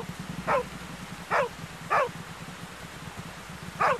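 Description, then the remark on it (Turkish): A dog barks four times in short, sharp bursts with uneven gaps, over a steady low rumbling background, on a windy day. “Köpekçik, şşt, yolumuzdan çekilir misin?”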